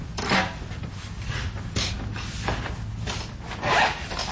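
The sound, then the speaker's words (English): Charcoal scratches across paper in irregular, raspy strokes as a local artist draws a charcoal portrait from life at Saw Studios in Carbondale, a steady scribbling texture broken by a few louder, brighter sweeps, with no voices. “The sounds of a local artist drawing a charcoal portrait from life at Saw Studios in Carbondale.”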